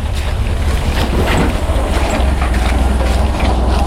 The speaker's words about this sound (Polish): Nasz kierowca jest odważny. Trzykołowym motorkiem, który sam z siebie jest bardzo wywrotny. On tutaj zjeżdża w taki wąwóz, a ten trakt, którym zjeżdża, to nie można tego za bardzo nazwać drogą,